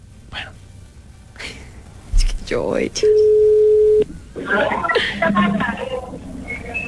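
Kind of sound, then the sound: signal or alarm, phone call ringing tone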